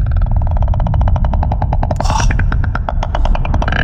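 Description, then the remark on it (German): Ambience from inside a whale: a loud, deep, continuous rumble overlaid by a steady, rapid train of clicking pulses, with a few brief hissy bursts partway through. No one speaks. “Und falls du dich das schon einmal mal gefragt hast, so klingt es in einem Wal.”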